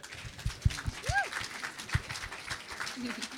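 An audience breaks into steady applause, a dense wash of clapping with a few sharper, louder claps standing out and a brief whistle rising and falling early on.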